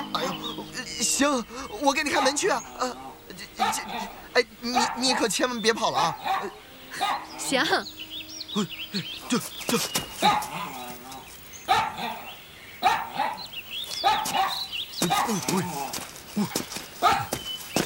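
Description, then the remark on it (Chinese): A guard dog barks repeatedly and excitedly in irregular bursts while chasing a man, as people talk and call out over the commotion. “这谁的狗啊？这老追我！”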